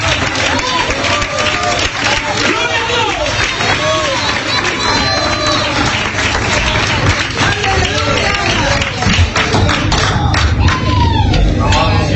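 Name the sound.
audience clapping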